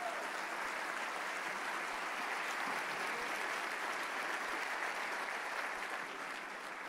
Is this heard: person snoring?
no